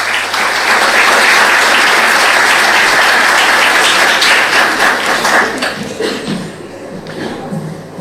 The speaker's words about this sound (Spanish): Lo recibimos con un aplauso.